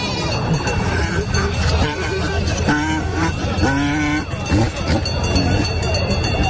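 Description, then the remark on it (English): A busy outdoor market din at a marriage festival encampment: many overlapping voices, with hawkers of second-hand and new clothing calling out loudly and bleats rising through the crowd noise from donkeys, sheep and goats being inspected and offered for sale, steady and dense throughout. “Surrounded by heaps of coats, shirts, and pants, hawkers compete for customers.”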